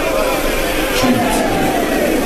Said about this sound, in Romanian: Pe părțile taberii, oamenii noștri se adună și strigă să trăiască Agamemnon și regina Clitemnestra, și fără număr sunt cetele lor.